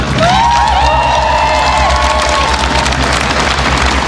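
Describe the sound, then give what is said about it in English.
A large crowd of supporters on Downing Street cheers steadily, greeting new Prime Minister Andy Burnham, with high whoops and shouts rising over a dense, constant roar of voices and scattered clapping throughout. “He's been welcomed by staff into Number 10 after being greeted by a large crowd of supporters on Downing Street.”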